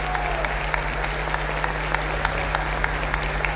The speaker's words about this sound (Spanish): Un aplauso, por favor, para él.